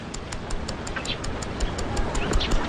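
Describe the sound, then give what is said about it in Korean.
A wristwatch, a gift from a father, held up to the ear by a pavilion in a house's front yard, ticks in a steady, rapid rhythm, about five or six crisp ticks per second, with a faint voice murmuring in the background. “한목진의 집 앞마당 정자가 있는 곳으로 나온 한목진은 아버지가 선물로 준 손목시계를 귓가에 대고 있다.”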